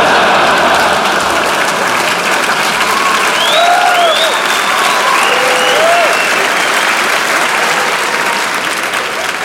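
Sustained audience applause, a dense steady wash of many hands clapping at once, with a few scattered whoops and faint cheers rising above it throughout.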